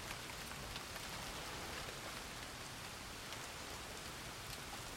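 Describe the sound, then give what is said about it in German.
Soft, steady rain patters down in a dense, even hiss with scattered droplet taps, holding at a constant low level throughout with no voices. “Der Regen lässt nach.”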